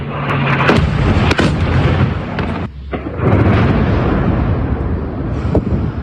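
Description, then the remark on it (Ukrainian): Loud, rumbling blasts of Russian guided aerial bomb (KAB) explosions in an attack on Dnipro, Ukraine, on October 13, with sharp transient bursts over a continuous roaring wash of debris and noise, without speech. “13 жовтня РФ атакувала кабами Дніпро. Місцеві чули щонайменше 4 вибухи.”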